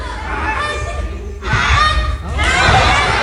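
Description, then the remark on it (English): A kid mimics a Canada goose with loud, nasal honking calls in a few bursts, while a crowd murmurs and laughs underneath. “And then the Canada Goose.”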